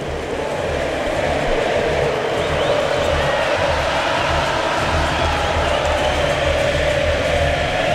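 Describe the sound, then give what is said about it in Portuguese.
A large crowd of Argentine fans sings together in the Kansas stadium at the end of Argentina's extra-time win over Switzerland, a loud, continuous roar with rhythmic chanting and a steady low rumble underneath, sustained throughout without pause. “E o estádio do Kansas canta, canta a torcida argentina.”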